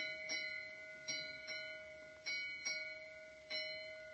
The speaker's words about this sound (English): At 11:40 p.m., Chief Officer Murdoch on the bridge of the Titanic. Here's an ominous signal from the lookout. A three-bell warning that something is ahead.